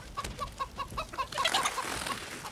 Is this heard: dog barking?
no